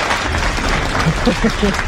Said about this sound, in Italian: Aspetta, perché qui c'è anche il nostro gruppo di ascolto che è pronto ad applaudirti e arriva l'applauso.